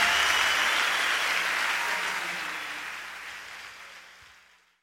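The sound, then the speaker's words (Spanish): A crowd claps loudly for the Lord in a dense, sustained burst of applause that holds steady, then gradually fades away toward the end, with no voices standing out. “aplauso bien fuerte a ese rey.”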